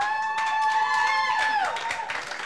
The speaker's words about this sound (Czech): Potlesk pro ně, prosím.